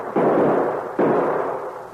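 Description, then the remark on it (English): Two loud gunshots, fired at a dog that stole meat from the rations, ring out less than a second apart, each a sharp crack followed by a long, rumbling decay that fills the gap. No voices are heard. “Ah, you missed him.”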